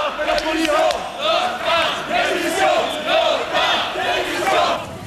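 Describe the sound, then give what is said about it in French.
A crowd of about a hundred CFDT activists, railway workers and teachers, shouts and chants angrily while pursuing CFDT secretary general Nicole Notta to her car, in loud, rhythmic bursts, voices rising and falling together about once per second in a dense, continuous roar of protest. “Mais un groupe d'une centaine de militants de la CFDT, cheminots et enseignants confondus, la poursuit jusqu'à sa voiture dans un climat de plus en plus violent.”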